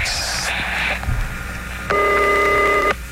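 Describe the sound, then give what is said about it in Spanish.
A rotary dial telephone dials in a few quick tonal bursts, then a single steady electronic ring sounds for about a second, clear with no voices. “Teléfono de disco.”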